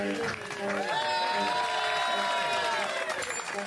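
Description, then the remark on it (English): A crowd claps and cheers steadily for a few seconds, with raised voices and whoops rising over dense, continuous applause. “Inappropriate begging for applause. Response.”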